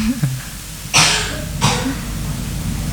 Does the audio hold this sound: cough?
yes